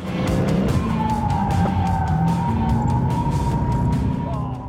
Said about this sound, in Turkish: Oh, evet bebeğim. Arabayı çok sert kullanıyor. Gerçekten iyi görünüyor.